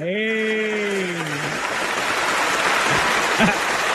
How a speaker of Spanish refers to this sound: Reina, un aplauso para la reina.